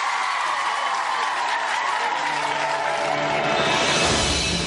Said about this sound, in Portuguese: E, para terminar, gostava de pedir uma forte salva de palmas para todos vocês.